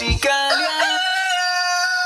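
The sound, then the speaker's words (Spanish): A rooster crows loudly, one long cock-a-doodle-doo that rises after a short start and holds a bright, strained note to the end, with no talking over it. “¿Tiene su finca un gallo fuerte y bien criado?”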